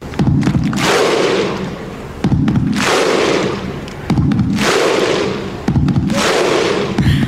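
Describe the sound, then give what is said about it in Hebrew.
Icelandic football fans' rhythmic cheering chant, the one that went viral at Euro 2016 and the 2018 World Cup: a huge crowd booms out a deep thud and unison shout, repeated about four times at a slow, steady pace, loud and roaring throughout. “כן, כולם זוכרים את גביע העולם ב-2018 ואליפות אירופה ב-2016, ואת האיסלנדים עם צעקות העידוד שלהם שהפכו ללא ספק לוויראליות.”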